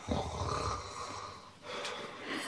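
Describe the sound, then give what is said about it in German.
A man lying down snores as if in the deepest sleep: a deep, raspy snore, a long rattling breath that pauses briefly before another starts, fairly loud, with no talking, likely a voice imitating heavy sleep. “Dann legte er sich nieder und als er ein Weilchen gelegen hatte, fing er an zu schnarchen, wie im tiefsten Schlaf.”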